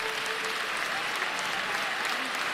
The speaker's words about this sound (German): Immer wieder gibt es für die Kandidaten tosenden Applaus. Für Marie-Agnes Strack-Zimmermann aber auch Buhrufe.